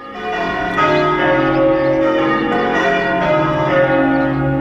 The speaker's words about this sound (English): Time to ring those wedding bells.